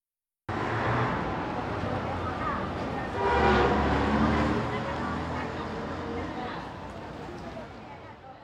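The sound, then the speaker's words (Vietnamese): A car horn honks over a steady wash of traffic and engine rumble, the loudest blast coming about midway through before the noise settles back to a constant roar, with indistinct voices mixed in. “Đây là từ bù bù, là tiếng còi và những âm thanh tương tự.”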